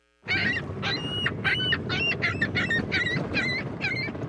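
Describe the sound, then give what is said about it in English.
Seagulls call over and over in a rapid series of loud, harsh squawks, about nine in a row, over a steady wash of outdoor waterfront noise at HTO Park on Toronto's waterfront. “but a new club on Toronto's waterfront has been busy counting a different kind of animal, seagulls.”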